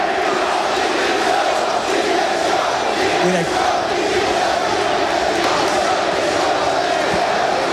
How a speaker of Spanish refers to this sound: Ahora la falta sobre Franquesa y escucha lo que se grita ahora, ¿eh? Directiva dimisión.